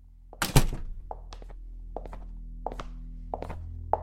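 A door being opened: one heavy thunk, followed by a loose series of short, sharp clicks and clacks, like a latch and handle rattling, over a steady low hum.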